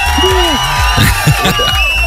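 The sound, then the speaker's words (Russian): A crowd applauds and cheers loudly, with high rising and falling whoops and shouts riding over a steady wash of clapping noise throughout. “Эти аплодисменты тоже для тебя, Оскар.”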